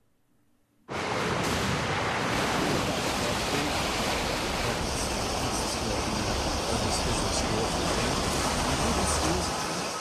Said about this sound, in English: So that's not freshwater flooding. That's ocean coming in right there for Newport Beach, California. That's one of the big swells rolling in ahead of Rachel.